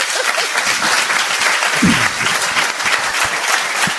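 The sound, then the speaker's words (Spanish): An audience at the Casa de las Caras in Bélmez claps steadily for a guest, a dense, loud wash of applause that holds evenly for the whole stretch, with a brief murmur of voices mixed in near the middle. “Os pido un aplauso para ella, Grupo EPTA.”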